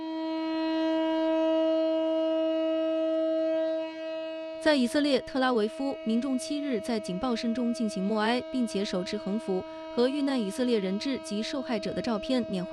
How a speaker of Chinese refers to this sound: 在以色列特拉维夫，民众7日在警报声中进行默哀，并且手持横幅和遇难以色列人质及受害者的照片缅怀逝者。